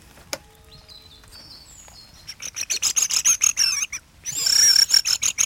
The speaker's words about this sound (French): Non, c'est des grives.